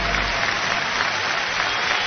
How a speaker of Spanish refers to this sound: Fuerte aplauso.